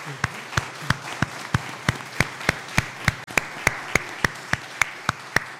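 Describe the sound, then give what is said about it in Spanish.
An audience applauds the altar servers on their feast day, clapping together in a steady, rhythmic beat, sharp unison claps rising above a softer wash of scattered clapping, sustained for several seconds with no talking. “Entonces, un aplauso para los acólitos, ¿cierto?”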